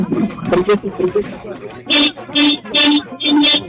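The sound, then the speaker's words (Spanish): People talk briefly, then a car horn blares four times in quick succession, each honk loud, steady and about a third of a second long. “te vamos a pedir que toques tu claxon. Tu claxon del auto.”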